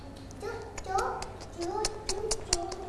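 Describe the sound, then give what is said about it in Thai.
A child's voice mimics a gecko with short rising chirps mixed with sharp tongue clicks, repeated several times over a few seconds at moderate loudness, in answer to a teacher asking what sound a gecko makes. “จิ้งจกร้องว่าไงคะ”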